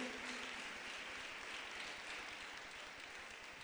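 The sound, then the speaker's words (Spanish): An audience claps for the Lord in sustained, dense applause, a continuous wash of many hands at an even, fairly loud level without any voices standing out. “Démosle un fuerte aplauso al Señor, mis hermanas, mis hermanos.”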